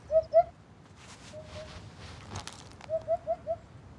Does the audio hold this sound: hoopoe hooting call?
yes